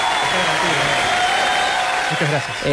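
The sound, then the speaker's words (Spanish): Audience applause, a dense, steady wash of clapping that stays loud for about three seconds, with voices talking over it and a slight dip at the end. “Aplauso para el tío.”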